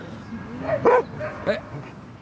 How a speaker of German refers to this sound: Als er älter ist, hat er so ein paar Macken und macht hier so die Hundeplatzpolizei. Wenn die jüngeren Hunde spielen, dann kläfft er die an. Warum spielt ihr hier? Was macht ihr da?